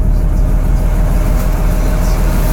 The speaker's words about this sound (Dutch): Het stationair draaien van de motor van mijn pont, waar ik nu begin met mijn dienst.